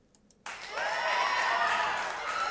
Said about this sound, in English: Yes, that's a big applause. I hope you can hear that.